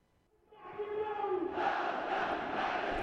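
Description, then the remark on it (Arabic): A huge crowd of millions rallying in the capital Sanaa, Yemen, as a warning to Saudi Arabia, chants in unison, voices rising from near silence into a loud, sustained roar of massed shouting that swells further halfway through and holds steady to the end. “احتشاد الملايين في العاصمة صنعاء والمحافظات إنذار يمني للسعودية، ولكنه هذه المرة بمشهد شعبي غير مسبوق، لكي تسمع السعودية التحذير وتراه قبل أن تنتقل اليمن إلى خيار آخر.”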